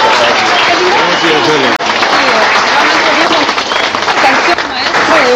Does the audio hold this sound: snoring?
no